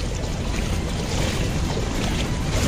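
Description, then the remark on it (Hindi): Floodwater waves left by rain churn and wash through Chintamani Road, a street in Prayagraj, India, in a steady, unbroken rush, with a deep low rumble and wind buffeting underneath. The sound stays fairly loud and even throughout, and no one speaks. “सामने देखिए पानी है, लहरें हैं, और इसी पानी और लहरों की वजह से लोग घरों से निकल नहीं पा रहे हैं, उनके सामने समस्याएं हैं।”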